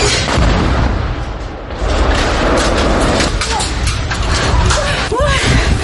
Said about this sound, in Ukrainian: Приїхали одразу після атаки гасити оселі та рятувати цивільних, коли окупанти завдали повторного удару дроном. Ось відео моменту, зняте місцевими ЗМІ.